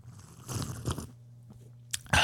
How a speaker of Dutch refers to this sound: Ja, ben je er klaar voor? Voor je koffieslurp? Ai, hier komt ie, luid.